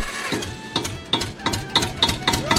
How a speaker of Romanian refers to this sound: Dar așa, pe bune, așa greu pornește un tractor. Așa greu pornește.